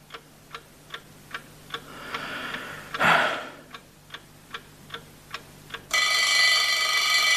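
A clock ticks steadily at a brisk, even pace, with a brief rustling whoosh midway, then an alarm clock on a bedside table, set for 7 o'clock, bursts into loud, continuous metallic ringing at exactly 7.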